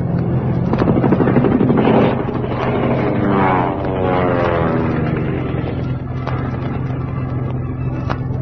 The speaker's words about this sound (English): behind us, a plane.